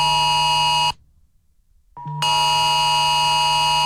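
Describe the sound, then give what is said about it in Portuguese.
A loud, harsh phone emergency alert tone, sent to phones of residents in Brazilian cities such as São Paulo and Rio de Janeiro, blares at a little past one in the morning, cuts out for about a second of near silence, then resumes just as strongly. No one speaks. “Meu Deus, é pra desligar isso do telefone, uma e pouco da manhã.”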